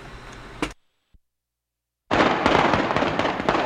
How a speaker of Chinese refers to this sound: 来，买着先给你放炮啊，恭喜一下。